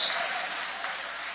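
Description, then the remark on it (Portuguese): An audience applauds God after a Bible reading, with a steady, dense wash of many hands clapping together, holding an even level without pauses for the whole moment. No one speaks over it. “Pode tomar o vosso assento, guarda a sua Bíblia com carinho e podem aplaudir a Deus.”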